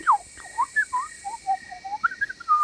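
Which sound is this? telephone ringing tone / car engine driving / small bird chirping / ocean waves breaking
small bird chirping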